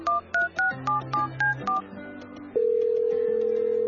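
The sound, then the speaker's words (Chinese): A quick series of about seven touch-tone beeps as a phone number is keyed in to call a grandfather, then a short pause and a steady telephone ringing tone that holds to the end. No one speaks. “忙你个头，仲唔打电话俾阿爺？”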